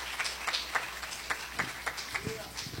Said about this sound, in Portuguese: Pode sentar, meus irmãos, glorifica a Deus com glória, com aleluia, bem forte as palmas para Jesus.